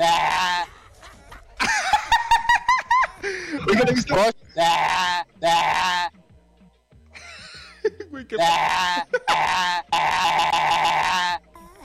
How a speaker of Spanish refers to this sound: ¿Qué onda con ese perro?